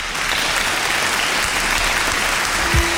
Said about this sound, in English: I'm basking in it. Basking in the applause. It's so rare.